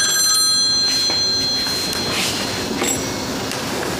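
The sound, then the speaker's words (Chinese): A telephone rings loudly, a bright, sustained high-pitched trill that fades after a couple of seconds, with a steady wash of background noise and no talking. “哎呀，今天这是怎么了？又是门铃，又是电话。”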